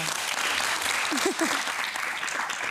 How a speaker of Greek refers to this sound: Ένα χειροκρότημα.